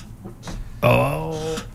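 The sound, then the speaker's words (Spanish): A single drawn-out, fairly loud creak with a tonal, groaning quality that holds for under a second before cutting off, like a chair straining under a person's weight. “Esa silla suena porque hay exceso de chaparrita.”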